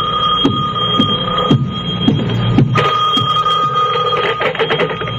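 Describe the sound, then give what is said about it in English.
A telephone bell rings loudly and continuously in an apartment in Santa Monica, its metallic clanging tone sustained throughout with a rapid rattling of the clapper, with no one speaking. “When I walked into my apartment in Santa Monica, the phone was ringing.”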